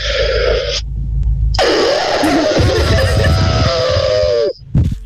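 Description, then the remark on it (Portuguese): A person imitates an elephant's trumpet with their voice: a short, loud, brassy blare, a pause, then a longer, strained trumpeting call that wavers before cutting off, with a brief breathy sound after. “Imitações, já que pediste a de um elefante, é a única que eu sei fazer assim mesmo bem, mas então, vá.”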